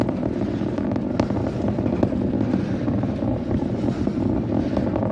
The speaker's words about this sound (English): You're looking at it, 33 Raptor engines generating 16.5 million pounds of thrust at the moment of liftoff, twice the power of the Saturn V vehicle, which took mankind to the moon last.